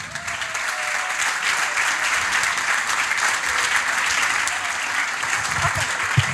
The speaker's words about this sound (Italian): E vorrei un applauso